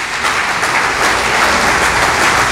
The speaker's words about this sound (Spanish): Muy seguramente alguien se estaba durmiendo ya. Esos aplausos es para despertarlos, pastores.